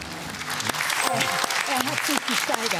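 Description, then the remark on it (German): Steady, dense audience applause fills the whole stretch, a broad wash of clapping with voices calling and talking over it. “Er hat sich gesteigert. Applaus.”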